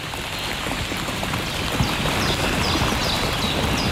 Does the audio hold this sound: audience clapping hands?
no